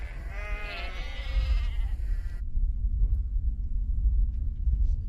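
sheep bleating

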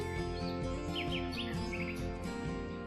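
birds chirping

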